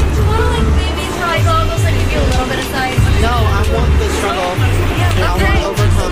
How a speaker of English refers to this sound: Am I in the street? Not yet. I hear cars.